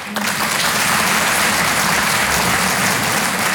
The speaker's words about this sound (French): Ok, il y en a qui n'ont pas applaudi, soit vous n'avez pas compris la question, soit vous n'êtes pas d'accord avec moi.